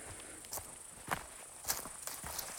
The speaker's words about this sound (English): I'm getting near the summit now, and started to hear this swell of, I don't know if they're grasshoppers or another kind of insect that makes that kind of low humming chorus that you hear throughout the summer.